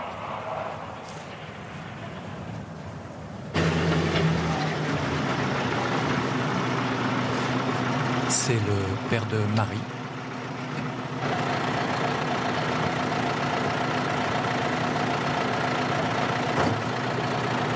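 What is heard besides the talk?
tractor engine idling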